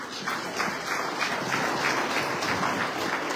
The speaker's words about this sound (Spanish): director de la Unidad de Gestión Educativa Local Parinacochas, para quien pido fuertes palmas, dignas autoridades.